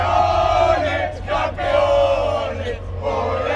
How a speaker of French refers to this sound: Les supporters qui vont sûrement avoir besoin de petits bonbons au miel, hein, Marie, pour continuer à crier tout à l'heure.